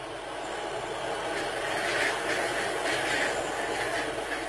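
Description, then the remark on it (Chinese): Washed, dried river sand mixed with tung oil is stir-fried by hand in a wok until glossy black, to roast glutinous rice for rice balls, giving a steady, gritty rushing rattle that swells slightly midway and continues without pause, fairly loud, with no voices. “河沙被炒得油亮发黑，再将蒸好阴干的糯米倒入沙中，”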